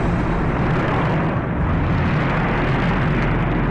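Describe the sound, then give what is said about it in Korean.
A Chinese airplane flying from the north toward the south roars overhead in a loud, continuous wash of engine noise, heavy in deep rumbling tones and steady throughout, with no voices. “저 비행기가 정말 중국 비행기입니까? 네, 지금 북쪽에서 날아와 남쪽으로 가고 있지 않습니까?”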